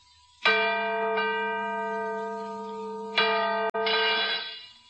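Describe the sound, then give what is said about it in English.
A cracked church bell, newly hung and being tested for its tone, is struck twice, loud, each blow ringing out in a long, sustained, slightly harsh tone with no voices. “Good heavens. The bell is cracked.”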